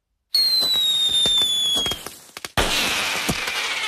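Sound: fireworks and firecrackers exploding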